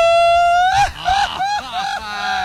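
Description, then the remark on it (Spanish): A man lets out a loud, high-pitched scream, held for a couple of seconds with brief breaks and wavering pitch, like a strained shriek. “Ay, sí, grito ahí, de hombre, grito de hombre.”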